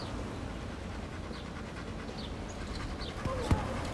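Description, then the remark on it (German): A dog pants heavily and steadily in a continuous rhythm of breaths while reacting to the stimuli around it, with a brief sharp thump near the end. “Doch relativ stark hechelt auch.”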